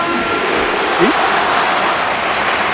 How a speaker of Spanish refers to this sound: Aplauso del estadio para Antoine. Ovación.